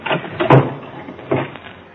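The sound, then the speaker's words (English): A closet door swings shut with a solid, muffled thud, followed a moment later by a sharper click as it is locked. Brief scraping comes before the close. “I dragged his body into the closet and locked the door.”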